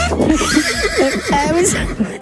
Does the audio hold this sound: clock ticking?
no